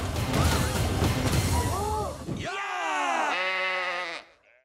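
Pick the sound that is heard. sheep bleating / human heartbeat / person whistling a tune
sheep bleating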